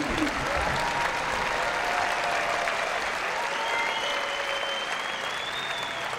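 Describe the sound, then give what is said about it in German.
Sustained audience applause for the Nürnberger Symphoniker after their performance of Paul Dukas's The Sorcerer's Apprentice at the Classic Open Air in Nuremberg, about 26 °C, a dense, steady wash of clapping at even loudness throughout, with faint whistles or cheers rising above it. “Und ich bitte Sie nochmal um einen großen Applaus.”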